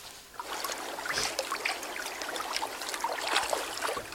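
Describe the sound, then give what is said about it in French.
Water from a mountain stream in the Romanche valley flows steadily, a continuous bright babbling and trickling with small splashes throughout, moderately quiet, with no voices. “Je vais suivre le ruisseau, le laisser guider mes pas.”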